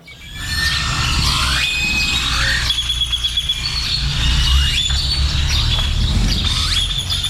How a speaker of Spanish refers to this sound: Pájaros al alba. Poco antes del amanecer, despiertan con sus cantos al nuevo día. Nada mejor que iniciar con los precursores naturales de la flauta, maestros alados de la música. Esta grabación se hizo en Jalpan, Querétaro, el 14 de junio de 1998.